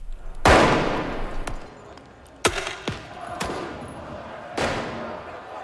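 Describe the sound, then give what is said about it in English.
Loud fireworks crack and boom in an irregular series of about five sharp blasts, each trailing off in an echoing rumble, over a murmur of crowd noise. Crowds in the streets of Paris, France, launch them at riot police during clashes after Paris Saint-Germain beat Arsenal in the Champions League final. “People en masse launched fireworks at officers who shot back with tear gas canisters.”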